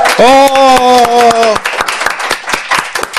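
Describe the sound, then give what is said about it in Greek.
Hands clap in a quick, uneven burst of sharp slaps welcoming guest Michalis Hatzigiannis, joined for the first half by a long, steady vocal cry that drops away while the clapping continues. “Έχω την τιμή σήμερα να έχω κοντά μου τον Μιχάλη Χατζηγιάννη, δράση χειροκρότημα.”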